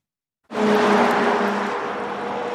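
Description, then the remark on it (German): Cars rush by on a busy road outside town with a 100 km/h speed limit, beside a school bus stop, in a loud, steady whoosh of traffic noise that starts abruptly and keeps going with a constant engine hum underneath. “Ein Auto nach dem anderen rauscht an ihnen vorbei.”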